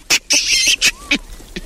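A large, hairy monkey with a bright red bottom screeches in a string of harsh, rasping high-pitched bursts, one longer shaky wail in the middle, loud and with no voices alongside.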